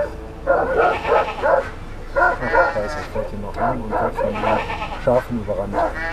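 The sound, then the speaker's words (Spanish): A guard dog barks in short, repeated bursts, confronting approaching tourists to defend its sheep and shepherdess, amid the flock bleating with wavering cries, the barking and bleats overlapping throughout. “Y cuando se acercaron al rebaño, el perro guardián los enfrentó defendiendo a sus ovejas y a su pastora.”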